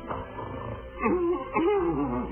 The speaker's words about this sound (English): What's the matter? It's that horrible snoring. Must be that fat guy next door.